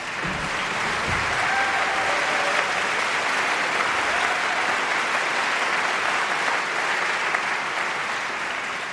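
A large audience applauds a choir and a ship's band, clapping steadily in sustained, dense applause that fills the whole stretch at an even, fairly loud level, with a few faint whistles or cheers rising above the clapping.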